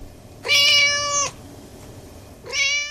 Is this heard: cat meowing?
yes